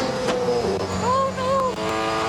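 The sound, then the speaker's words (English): A Bathurst 1000 touring race car engine roars loudly and continuously, heard from the passenger seat as the car is driven hard, its pitch rising and falling as it revs hard through the gears. “And pretty much what they did was they took an American, they popped him in the passenger seat of one of these Bathurst cars, and I mean, just take a listen.”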